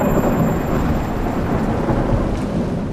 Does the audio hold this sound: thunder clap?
yes